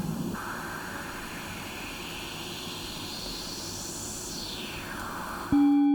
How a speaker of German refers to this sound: jetzt haben wir einen Filter mit einer Resonanz, die einen bestimmten Teilbereich des Spektrums jetzt überbetont